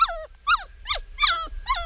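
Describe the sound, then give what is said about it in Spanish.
A pet dog whimpers and whines in five short, high, downward-sliding cries, evenly spaced, with no one talking. “Créeme, que me viene un buen que mi perrito que esté así, pero no.”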